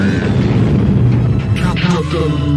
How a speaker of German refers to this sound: Wir gehen doch jetzt erst ins Weltall. Und jetzt der größte Knall im All.